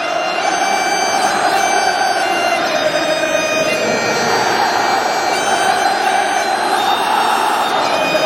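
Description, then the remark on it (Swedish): A huge crowd of Scottish football fans in a stadium sings Flower of Scotland together, a slow anthem forming a loud, dense wall of voices that holds steady and unbroken for the whole stretch, with a faint roar underneath. “Jag skulle inte gå ut när jag hör Flower of Scotland, och här är den, världens högsta låt på fotboll.”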